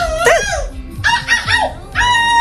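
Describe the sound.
A young woman from Vigo, silver medalist in an international seagull imitation contest, imitates a seagull, letting out loud, shrill, wavering cries in three bursts separated by short gaps, strained like a gull's squawk.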